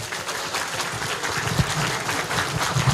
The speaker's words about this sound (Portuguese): Dá uma salva de palmas para a criançada.